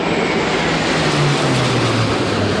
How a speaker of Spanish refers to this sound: Por aire, tres cazas F-18 y dos aviones A-400 de la base aérea de Zaragoza han sobrevolado este mediodía la plaza, llegando por la calle Alfonso.